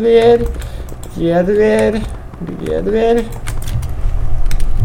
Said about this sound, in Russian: Дверь. Открываем дверь. Вот дверь открыта.